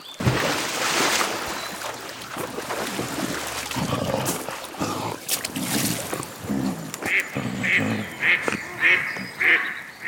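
A duck quacks in a quick, regular series of nasal calls that grows clearer toward the end, over a busy, splashy background with faint voices.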